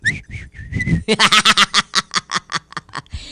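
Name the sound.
whistling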